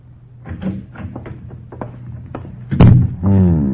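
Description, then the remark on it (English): The door to a living room opens with a muffled creak and clatter, followed by a series of soft footsteps as a man approaches, a sharper thud, and then a man's brief murmured voice. “As the door to the living room opened and another man approached, he looked up from the cards.”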